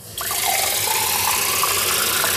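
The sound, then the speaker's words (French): Water gushes steadily from a kitchen tap, starting abruptly and continuing as a full rushing stream with a faint gurgle beneath it. No one speaks. “C'est un geste du quotidien, mais depuis quelque temps, Rodrigo remarque que quelque chose a changé avec l'eau de son robinet.”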